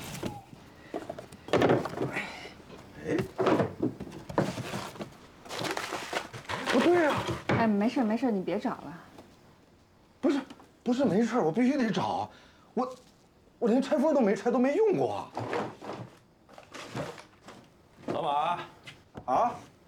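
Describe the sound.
Someone rummages through cupboards and drawers, searching for an unopened, unused item, with scattered thuds and clatters of doors and drawers opening and shutting, while people keep talking over the noise.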